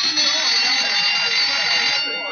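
A school bell, the second bell, rings in one loud, continuous electric clatter, a bright metallic buzzing that holds steady for about two seconds before cutting off and fading.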